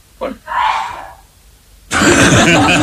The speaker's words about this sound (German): Da hat er gehustet, aber das schneidet wieder durch weg.